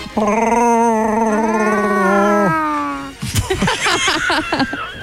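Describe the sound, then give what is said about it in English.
A voice imitates Chewbacca's growling roar: one long, loud, wavering howl that rises slightly in pitch and breaks off after a couple of seconds, followed by choppy bursts of voices. “Never tried to do your own Chewbacca sound?”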